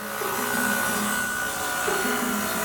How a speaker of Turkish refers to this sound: Keresteler kesiliyor.